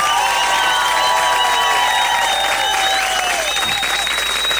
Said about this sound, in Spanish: Un aplauso rabioso para el señor